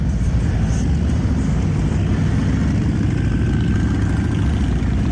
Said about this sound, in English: there was no traditional Memorial Day parade along Broadway in Alexandria this year, the Freedom First Riders chapter of Abate of Minnesota held a special Memorial Day motorcycle ride yesterday in downtown Alexandria. This is what it sounded like.